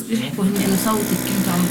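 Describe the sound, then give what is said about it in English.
A medical vacuum dressing machine treating a girl's injuries runs with a steady, continuous mechanical hum, while her mother talks over it throughout, encouraging the girl to tell what happened. “Amid the sound of a vacuum dressing machine, her mother, a school teacher, encourages the girl to tell us what happened.”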